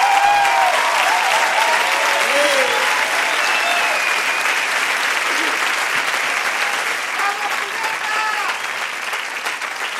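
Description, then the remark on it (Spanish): A large audience claps steadily and loudly for the full ten seconds, with scattered cheers and whistles rising above the dense wash of applause, welcoming a special guest singer who has come from Tijuana to perform a song. “Un fuerte aplauso”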